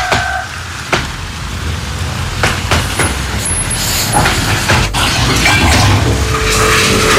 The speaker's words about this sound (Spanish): Ese camión, por ejemplo, yo no sé si puede transitar a esta hora por esa zona. Camión cisterna.